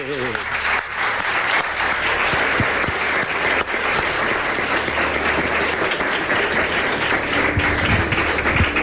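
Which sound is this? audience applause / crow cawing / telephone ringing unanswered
audience applause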